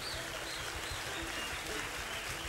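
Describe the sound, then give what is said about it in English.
Steady, dense clapping from an audience giving a singer a round of applause, a continuous wash of many hands at an even loudness with no one speaking over it. “I want to say tonight, let's give the great … a round of applause.”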